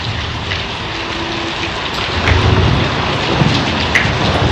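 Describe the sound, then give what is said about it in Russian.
Heavy rain pours steadily as a dense wash of noise after a very hot day, while low thunder following lightning rumbles and swells in the background, growing a little louder in the second half. No voices. “Сверкнула молния, грянул гром, и освежающий дождь пролился на землю.”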